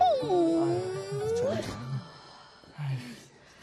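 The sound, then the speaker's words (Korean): An injured puppy covered in thorns whimpers: a drawn-out, high whine that slides downward and lifts again, followed by a couple of softer, shorter whimpers. “아유 그렇다고 이렇게 덜컥 데려오면 어떡하니. 우리가 강아지를 어떻게 키워.”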